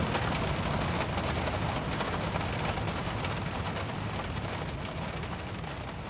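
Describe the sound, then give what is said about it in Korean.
A sudden rain shower pours down in a dense, steady, loud hiss while driving to Suwon, continuing without a break for several seconds with no voices. “가는 길에 긴급 체포처럼 갑작스러운 소나기가 쏟아졌다.”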